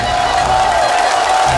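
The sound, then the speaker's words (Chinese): A crowd applauds and cheers to welcome the famous Peking opera performer Wang Peiyu, a loud, dense, unbroken wash of clapping that holds steady throughout, with a faint sustained tone running underneath. “首先让我们掌声欢迎著名京剧演员王佩瑜老师。”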